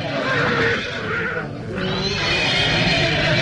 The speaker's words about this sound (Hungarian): Nézd csak, Jusszuf lova megbokrosodott, levetette gazdáját.